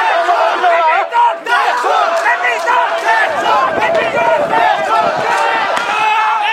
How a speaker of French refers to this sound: Lors de cette première journée de manifestation, aux environs de midi et alors que tout est très calme, la foule avance les bras levés vers le Parlement tout en réclamant la démission du Premier ministre.